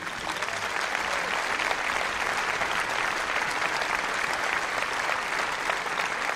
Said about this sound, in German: Also an dieser Stelle geht schon mal ein großes Dankeschön an die vielen Menschen auf und hinter der Bühne, die diesen Abend hier möglich machen. Ich bitte Sie um einen Applaus.